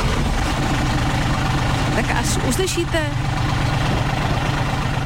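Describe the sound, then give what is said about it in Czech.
A big vintage American car engine idles with a steady, deep rumble throughout, loud, while a man speaks briefly over it partway through. “Až uslyšíte zvuk motoru. To je velký veterán. To je úplně Amerika jak hovado.”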